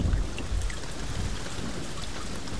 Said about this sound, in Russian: Дождь превратился в ливень, могучий, как ураган пустыни.